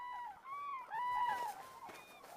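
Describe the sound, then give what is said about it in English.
Common cranes wintering in Spain calling, a flock's overlapping bugling, trumpet-like cries rising and falling over a couple of seconds, with no voices. “Nearly 100,000 cranes spend the winter in the milder climate of Spain.”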